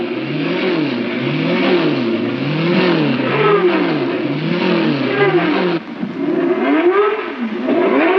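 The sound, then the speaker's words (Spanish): Several race car engines rev loudly and continuously as the cars warm up for the Mystic Grand Prix, their pitch surging up and dropping back in a repeating wavy rhythm, with a dense mechanical roar and no voices. “Mientras los autos calientan sus motores para el Gran Premio Místico”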